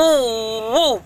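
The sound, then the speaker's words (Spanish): A single voice imitates the strange noise of a car engine that won't start, in Betania: a steady, nasal hum lasting about a second that swells and bends upward in pitch near the end before abruptly stopping. “El motor hace un sonido raro, algo como que...”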